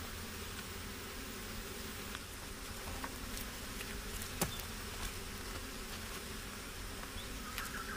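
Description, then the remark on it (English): A dense, steady drone of many honey bees buzzing around a hive being raided for its honey, with occasional sharp clicks and taps cutting through the continuous swarm hum. “And in a few minutes, she destroys what took the bees years to build.”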